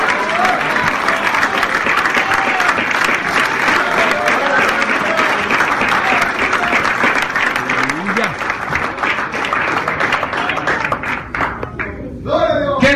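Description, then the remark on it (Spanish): Sustained applause from a crowd, dense rapid clapping that stays loud for most of the stretch, with some cheering voices mixed in before it thins out near the end. The clapping is offered for some girls from Guanajuato who can no longer applaud. “Yo voy a aplaudir por algunas niñas de Guanajuato que no pueden aplaudir más.”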